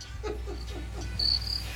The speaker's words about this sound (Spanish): No, hombre, están los grillos.